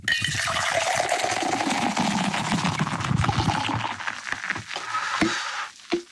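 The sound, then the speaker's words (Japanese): Sapporo Draft Beer Black Label poured from a can held up high into a tumbler, a steady gurgling, splashing rush of liquid for about five seconds, then fizzing and a couple of faint clinks as it tapers off. “はい、では今度は、タンブラーを片手に持ちまして、 はい、 缶をねちょっと高めに持ってきます、 はい、 ちょっと僕と同じように、はい、ユニゾンで流し込みますんで、 うんうん、 いきますよ、はい、せーの。”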